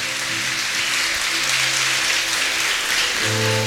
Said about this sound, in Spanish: fuerte aplauso al don del consejo.